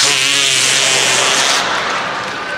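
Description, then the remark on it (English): A loud, buzzy armpit fart made by hand, one sustained rasping blurt with a low, wavering pitch and airy sputter that fades slightly at the end. No one speaks. “Or as we called it in New York, the artificial fart under the arm!”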